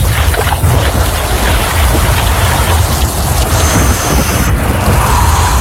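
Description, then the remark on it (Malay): Heavy rain pours steadily throughout, a dense, loud hiss, with a deep, continuous rumble underneath like thunder. No voices are heard. “hujan lagi. Mana gak bawa jas hujan.”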